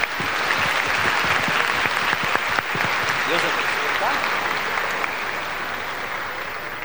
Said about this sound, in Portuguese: Vamos dar uma salva de palmas novamente.